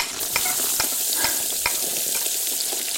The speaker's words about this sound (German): Zwiebeln in Würfel schneiden, ja, ja, schon geschehen. Zwiebeln anbraten, alles klar. Und rein damit.